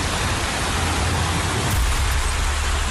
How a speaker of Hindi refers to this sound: उत्तराखंड के हल्द्वानी में सोमवार को जमकर आफत बरसी। कुमाऊं का प्रवेश द्वार कहलाने वाले हल्द्वानी में मूसलाधार बारिश से सड़कों पर ऐसा मंजर दिखा मानो सड़कें समंदर बन गई हैं।